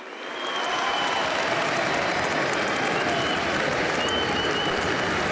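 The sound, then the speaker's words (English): Sustained applause from a large stadium crowd, rising quickly after a brief quiet start into a dense, steady wash of clapping that continues evenly throughout, as both teams and their fans give a moment of applause in tribute to the late rugby league great Billy Smith, 'the Dragon'. “So the applause, which is fantastic, a nice way of doing things these days to pay tribute.”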